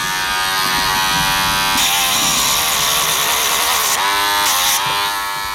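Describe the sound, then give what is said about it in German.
A small electric grinder whines steadily as a dog groomer files down a dog's claws, its pitch dipping and rising several times as the tool presses against the nail. No one speaks. “sieht man gut, bis woher man die Nägel abschleifen kann.”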